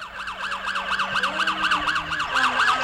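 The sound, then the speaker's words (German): A police car siren wails in rapid, repeating up-and-down sweeps, loud and steady throughout, with a low engine rumble underneath and no voices. “Hörst du das? Ist das die Polizei? Schau mal da, das ist das Polizeiauto.”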